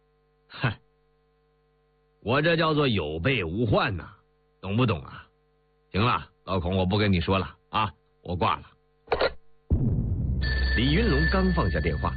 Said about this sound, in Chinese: 李云龙刚放下电话，电话铃又催命似的响起来了，是郑秘书打过来的。